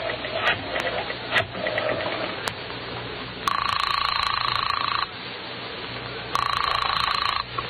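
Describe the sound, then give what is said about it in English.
A rotary telephone dial whirs and clicks for a few seconds as someone dials the police, then two steady buzzing ring tones sound on the line, separated by a short pause, fairly loud. “Then, with none too certain fingers, he dials the police.”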